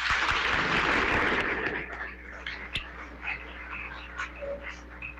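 An audience's applause for the priosta rings out densely for almost two seconds, then quickly dies away, leaving quieter scattered noises and a low steady hum.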